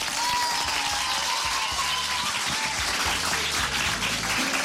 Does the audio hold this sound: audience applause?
yes